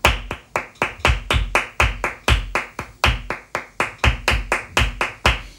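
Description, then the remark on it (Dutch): Sharp, rhythmic hand claps in a quick, driving flamenco bulerías pattern counted in 12 beats, with some claps accented louder than others, steady and unbroken with no voices. “Ja, en dat is Bulerias. Luister.”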